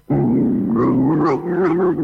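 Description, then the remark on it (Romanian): A lynx vocalizes in a loud, drawn-out whining call with wavering pitch, sounding almost like a playful puppy, continuing for about two seconds without pause. “E un cățeluș care se joacă? Nu, este râsul.”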